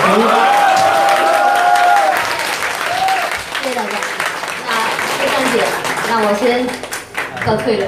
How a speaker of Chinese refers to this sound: 然后对啊，再次给您掌声，我们优秀的人民艺术家。